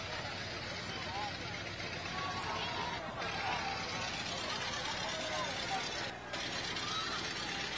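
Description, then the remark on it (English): Vintage cars roll past in a parade at the Czech Days Festival, their engines a steady low rumble beneath a continuous wash of crowd chatter and outdoor noise. “We have some old-time cars coming through.”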